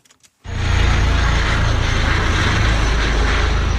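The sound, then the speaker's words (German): A mountain rescue helicopter flying over a mountain range, with two people hanging from it on a wire cable, roars in abruptly after a brief quiet start, its loud, steady engine and rotor drone heavy with a deep low rumble throughout. “Über eine Gebirgskette fliegt ein Helikopter.”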